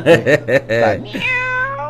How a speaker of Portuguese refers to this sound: Pra tratar dessa gatinha aí, desse gatinho aí que tá miando, aqui eu tô escutando.